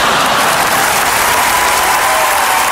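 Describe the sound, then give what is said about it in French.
A burst of dense, steady applause, many hands clapping together in a loud, continuous crackle that holds at an even level throughout, with no voices breaking through. “Je vous applaudis d'une main.”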